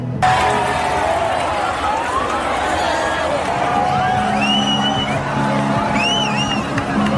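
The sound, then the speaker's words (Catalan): A large crowd at Marina Port Tàrraco roars and cheers at the moment of totality of a solar eclipse, with excited shouts, whoops and high whistles rising above a dense, steady wall of voices throughout. “el cel ja no mostra aquest eclipsi, aquest moment d'explosió, així era com la gent rebia aquí a la Marina Port Tàrraco el moment de la totalitat, de la plenitud d'aquest eclipsi solar.”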